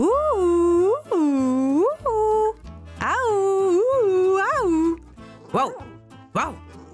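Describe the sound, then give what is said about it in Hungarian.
A human voice imitates three dogs, Bodri and two from next door, barking angrily at a cat up a tree, with a run of loud, drawn-out, swooping yaps and howl-like calls, over a steady low background hum. “a nagy mérges ugatásra a szomszédból is átfutott két kutya, s azok is segítettek Bodrinak az ugatásban.”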